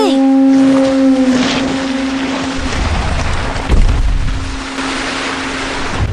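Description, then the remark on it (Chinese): A conch shell horn blows one long, deep, steady note, loud at first and then thinning to a faint lingering drone over a wash of ocean-like noise. No one speaks. “没有没有，因为船漏了，只好使用海螺的能力了。”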